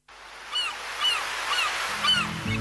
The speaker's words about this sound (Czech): Prije jutra u zoru budimo vas s galebima na moru